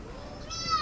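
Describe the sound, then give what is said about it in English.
A seagull gives a brief, high, wailing call that strengthens and rises toward the end, sounding fairly clear over a low, steady background rumble with no talking. “I can hear the seagulls, certainly.”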